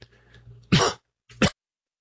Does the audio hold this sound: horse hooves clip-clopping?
no